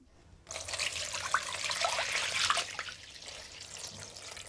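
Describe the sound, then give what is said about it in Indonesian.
About 1 liter of water pours steadily into a pot holding stuffed cabbage rolls, a bright, splashing gush that starts abruptly and runs on with little bubbling blips, easing slightly toward the end. No one speaks. “Kalau kol-kol isi sudah diletakkan di dalam panci, rendam dengan air sebanyak 5 gelas atau 1 liter.”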